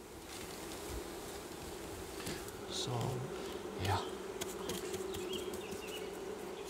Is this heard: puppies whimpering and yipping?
no